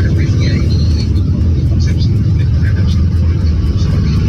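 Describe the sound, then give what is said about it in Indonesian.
A steady, heavy low rumble of idling vehicle engines in a total traffic jam at Bedali, Lawang, on the road toward Malang, caused by a broken-down truck at Randu Agung, Singosari, continuous, with faint indistinct voices in the background. “Kita lihat di Bedali Lawang ke arah Malang macet total.”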